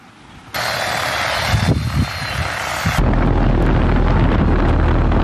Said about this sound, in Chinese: 在桥城区双沟镇三关村的大片麦田里，小麦苗株长势良好。田间上空，植保无人机匀速为小麦喷洒防空药剂。